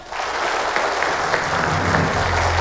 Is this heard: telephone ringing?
no